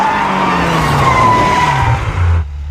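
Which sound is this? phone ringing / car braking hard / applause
car braking hard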